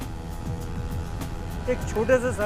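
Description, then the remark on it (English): Three motorcycles and a car roar steadily as they circle at high speed in a small circular arena, with pitch rising and falling, while voices call out faintly in the background; the riders perform stunts, at times riding without hands on the handlebars. “In a small circular arena, three motorcycles and a car rotate at high speed.”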